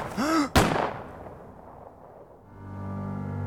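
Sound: two gunshots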